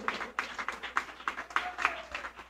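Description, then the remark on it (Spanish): A crowd of people clapping together in a fairly steady, rhythmic beat as applause for the beloved King, God, one afternoon, the dense overlapping claps sustained at moderate loudness with a faint voice briefly audible underneath. “Dale fuertes aplausos al Rey amado en esta tarde.”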